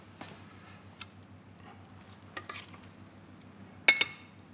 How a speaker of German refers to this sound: Einmal noch umrühren. Zuerst Risotto.